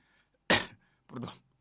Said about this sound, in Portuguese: Aquele tosse ali, com aquele gripe ali, que se tratou dali.